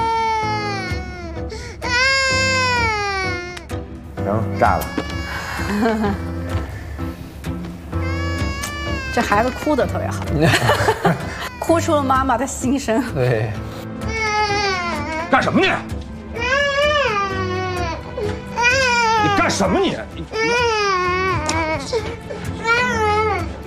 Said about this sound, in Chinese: 这孩子哭得特别好， 哭出了妈妈的心声。